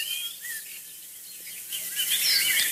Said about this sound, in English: Sean Ronayne is our recorder of birdsong from County Cork, Ireland.